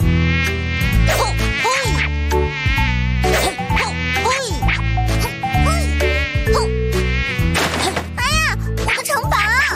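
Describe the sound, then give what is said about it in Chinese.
A fly buzzes loudly inside a home, its droning whine rising and falling in pitch as it circles without pause for the whole stretch. “你就放过咱家的苍蝇吧。”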